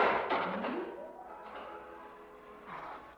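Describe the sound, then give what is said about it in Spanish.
A heavy steel door, closed at the press of a button, slams shut on a small room with smooth, cold walls with a loud, broad clang, followed by a ringing metallic reverberation that slowly fades over about three seconds, with no voices. “Luego, oprimió un botón y una puerta de acero los dejó prisioneros.”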